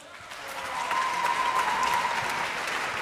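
A crowd applauds three young composers, a dense wash of many hands clapping that swells slightly after the first second and holds at a fairly loud, even level without speech.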